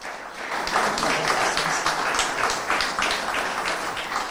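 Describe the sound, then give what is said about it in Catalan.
Steady audience applause for the mayor of Sitges, a dense wash of many hands clapping at a fairly even level for several seconds. “Benvinguda, un aplaudiment per l'alcaldessa.”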